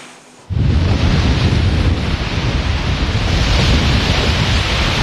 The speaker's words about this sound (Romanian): Pe plaja modernă din Constanța, valurile mării și vântul care a suflat cu putere au creat condiții ideale pentru competiție.